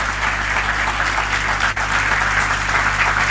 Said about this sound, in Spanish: Dele fuerte un aplauso al Señor.